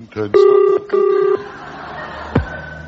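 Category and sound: signal or alarm, telephone number being dialed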